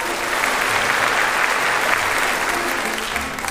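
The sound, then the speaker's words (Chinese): Sustained applause from a large group, a dense steady wash of clapping that holds at an even loudness throughout, with no voices standing out; the applause is for a senior high-school violin student who has passed the interview for the Curtis Institute of Music in the United States. “高三小提琴专业的孙晓同学已经通过了美国柯蒂斯音乐学院的面试，大家为他鼓掌。”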